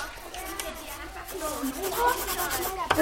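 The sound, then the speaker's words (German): Coloured pencils scratch steadily across paper in quick scribbling strokes as children draw at a drawing table, a dry rubbing texture running throughout, with soft voices murmuring underneath. “geht sie zum Maltisch, wo Papier und viele bunte Stifte liegen.”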